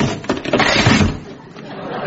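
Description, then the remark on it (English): An old wooden chair cracks and gives way as someone sits on it, a loud burst of splintering and clattering wood lasting about two seconds before trailing off. “Don't worry, that was an old chair.”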